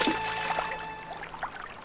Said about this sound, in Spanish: ¡Pablo, el agua sube!